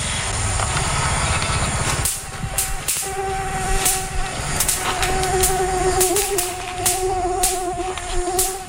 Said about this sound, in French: Quand on tape la balle, mais qu'en fait c'est un moustique, qu'on éclate contre sa raquette anti-moustique, c'est un petit claquement qui est assez sympathique.